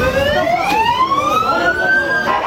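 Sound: fire engine siren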